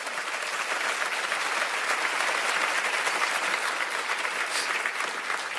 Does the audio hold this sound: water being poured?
no